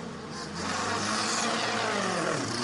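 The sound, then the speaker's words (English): A variety of race cars pull away on the pit lane speed limiter past a broadcast pit lane team, after the command given by Roger Penske, a loud, dense, buzzing drone with layered engine tones that swell after a half-second and hold steady, without any talking. “I just want to let you hear the variety of cars, even on the pit lane speed limiter, as they pull away past our pit lane team.”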